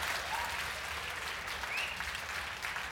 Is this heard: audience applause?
yes